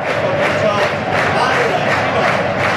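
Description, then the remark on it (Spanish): A large crowd of blue-and-white home fans at the Toralín municipal stadium applauds during a football match against Atlético Madrileño, producing a dense, steady wash of clapping and crowd noise that holds a constant loudness for the whole stretch, with no single voice standing out. “Ahí están los aplausos en el municipal del Toralín.”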